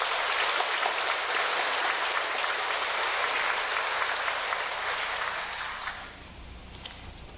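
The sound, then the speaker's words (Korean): A crowd at a Cheontae Buddhist temple ceremony at Guinsa, Danyang, applauds to welcome a congratulatory speech by lawmaker Eom Tae-young, a dense crackle of many hands clapping at once, holding strong for about six seconds before thinning out and fading near the end. No one speaks. “박수로 청하겠습니다.”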